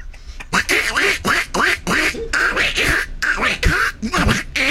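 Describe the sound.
A person imitates a duck with a rapid run of nasal, raspy quacks, about a dozen bursts in quick uneven rhythm, loud.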